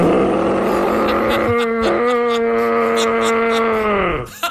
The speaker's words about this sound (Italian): Si tratta di cervi in una certa condizione, sì. Uditi nei boschi sovrastanti il paese di Arbedo.